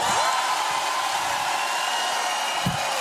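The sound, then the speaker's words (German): A large festival audience at the Musi, a festival in the mountains, cheers loudly in one continuous, dense roar that holds steady at full volume for the whole three seconds, with no clear voices standing out. “Wie laut kann denn das weltbeste Publikum der Musi sein?”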